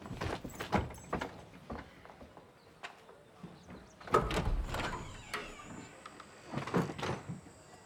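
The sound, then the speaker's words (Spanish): A door being opened, with a few scraping thuds and clunks spread over several seconds, moderately loud, against a faint background hiss with no talking. “por Dios, ¿por qué no abres la puerta?”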